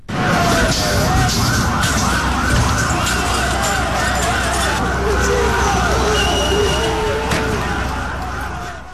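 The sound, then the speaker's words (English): A loud, dense crowd roar fills a street protest by thousands of students outside the Prime Minister's residence in Tirana, Albania, on a second day of demonstrations, met by police with tear gas and water cannon. Police sirens wail and sweep up and down on top, with overlapping shouts and steady traffic rumble throughout. “On a second day of demonstrations in the capital, Tirana, of Albania, thousands of students stormed the streets and were met with tear gas and water cannon from police.”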